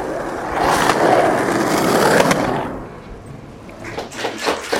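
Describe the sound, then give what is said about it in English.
Skateboard wheels roll loudly across pavement for a couple of seconds at Venice Beach in Los Angeles, then fade into a busy outdoor beach ambience with scattered clacks and knocks. “Venice Beach.”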